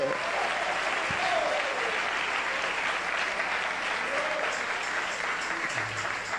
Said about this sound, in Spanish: Denle unas palmas a Él en esta noche.